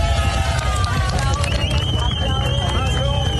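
A large crowd cheers and shouts without a break, a dense, loud roar of many voices with a few higher calls rising above the din.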